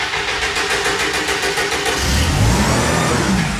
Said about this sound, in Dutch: Zo, de motor weer gestart.